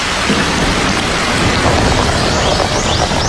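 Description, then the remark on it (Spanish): Shower water runs in a steady, loud rushing hiss that never lets up, a dense spray of splashing with no voices over it, while a man eats a lettuce in the shower of his grandparents' house. “Está comiendo una lechuga mientras se ducha.”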